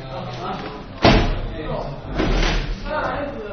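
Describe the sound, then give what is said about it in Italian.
A sharp clatter of chairs knocking together, followed by a rougher scraping clunk as more chairs are stacked, with people talking in the background throughout. “Massimizzare lo spazio, combattare le sedie.”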